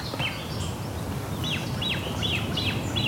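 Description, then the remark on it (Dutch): A great crested grebe chick gives a steady series of thin, high, down-slurred begging peeps, repeating about twice a second over a constant low background rumble. “Bedelende voet. En die heeft, daar heeft nog wel net op te bedelen, want die ouders zijn er nog bij.”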